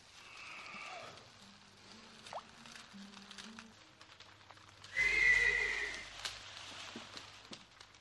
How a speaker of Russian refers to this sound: Лошади... Забеспокоились.